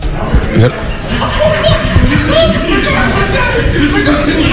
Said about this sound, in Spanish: Señores, estamos aquí transmitiendo en vivo y hay unos vatos ahí hablando, gritando, ¿eh? Vamos a hacer la competencia. Escuchen, escúchenlos, escuchen. Exagerando.